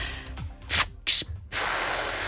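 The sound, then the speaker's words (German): A voice imitates a bus kneeling with breathy air hisses: two short bursts, then a long, steady, loud hiss that runs to the end, all without spoken words. “Ich würde auch nochmal so ein Geräusch machen, wenn sich der Bus abgesenkt hat.”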